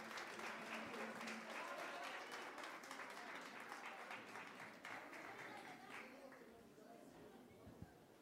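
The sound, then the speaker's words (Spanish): Sustained applause from an audience at an evening presentation of an album, welcoming the executive of the Consejo Nacional Afroboliviano; dense clapping for several seconds before gradually thinning out, with no one speaking over it. “Recibamos con un fuerte aplauso a la ejecutiva, por favor.”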